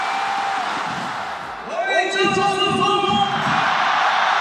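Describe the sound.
Football fans watching in the rain at Jiujiang Stadium in Jiangxi, China, during a Gan Super League match in which Jiujiang beat Fuzhou 4-0, shout over a steady roar of crowd noise, rising into a loud, sustained chant of many voices for a couple of seconds before sinking back into the general din.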